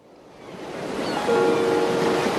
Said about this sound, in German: Marina hält eine Videokamera in der Hand und richtet die Linse auf das rauschende Meer. Die 18-jährige Cineastin ist nach Vigo an die galizische Atlantikküste gereist